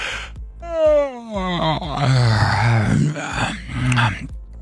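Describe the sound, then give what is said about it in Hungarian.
A long, drawn-out yawn with a voice that slides downward, then more groaning yawn sounds overlapping, fairly loud, with no clear speech. “Drága hallgatóinknak, kíváncsiak vagyunk, hát ásítunk.”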